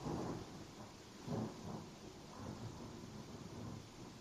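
Low, rolling thunder rumbles through a steady wash of rain, swelling in a few heavy surges before settling back into the continuous hiss of the downpour. No one speaks.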